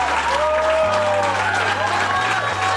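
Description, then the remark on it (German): A crowd cheers and applauds continuously, with whoops rising through dense clapping and voices, loud and sustained, over a low steady hum of music or drone, celebrating a world record of nine days and nights of non-stop table tennis by a table tennis club in Kirchhain, Mittelhessen, Germany. “Ah, großer Jubel natürlich nach 9 Tagen und Nächten und gleichzeitig ein wahnsinnig toller Moment und ein schönes Geschenk zum 800.”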